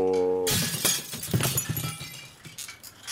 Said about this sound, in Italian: Ha sfondato le vetrate del capannone.